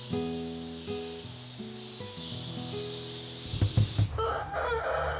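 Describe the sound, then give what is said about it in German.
Game chickens crow in long, drawn-out tonal calls that step between pitches, followed by a few short, loud clucking bursts and a rougher, noisier stretch at the end. No one speaks. “Die Kampfhühner sind sehr selbstständig geworden.”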